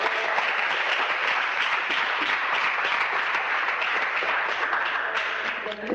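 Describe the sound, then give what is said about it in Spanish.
Sustained applause from a large crowd, given to the Lord this afternoon, a dense wash of many hands clapping steadily and loudly for the full length, with no voices standing out above it. “De un aplauso al Señor esta tarde.”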